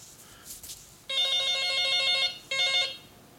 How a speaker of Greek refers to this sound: Για να δω ποιος είναι τώρα. Και με παίρνει τηλέφωνο, επειδή είναι Παρασκευή, θα ανοίξω έτσι γραμμές που και που να μιλάμε.